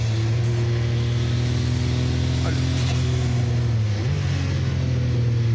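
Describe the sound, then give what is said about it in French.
An 800-horsepower race car engine roars loudly and continuously, a steady low drone that shifts upward in pitch partway through as the car accelerates out of the 180 corner. “Là, faut faire super gaffe à l'accélération à la sortie du 180. Parce que c'est un virage en appui, il y a 800 chevaux à gérer.”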